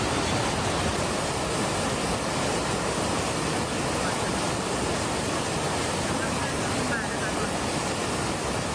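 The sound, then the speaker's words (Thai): A rushing waterfall, Tham Phra Waterfall in Bueng Kan, Thailand, with a very strong current during heavy rainy-season rain, roars steadily and loudly from start to finish, a dense, unbroken wash of churning water with no pauses or changes in intensity. “เด็กน้อยตกน้ำค่ะน้ำพัดที่น้ำตกข้ามพระตกแรงมากเลย”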